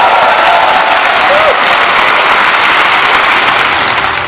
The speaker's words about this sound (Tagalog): Umano din ang palakpak sa sonaan ng Pangulo ang muling panimindigan nito na hindi uurong ang Pilipinas sa pagtatanggol sa Soberega ay sa 2016 Arbitral Award kasabay ng panawagang mapanatili ang kapayapaan sa rehiyon.